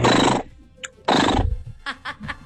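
A horse whinnies loudly, two shrill quavering bursts followed by a few short snorting calls, with no talking over it.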